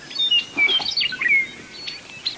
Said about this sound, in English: It's a clear May morning on the plains of eastern Montana. The dawn chorus of birds welcomes the sun as it crests over hills of waving bunch grass. You can't turn in any direction here without seeing a meadowlark singing atop a shrub or fence post.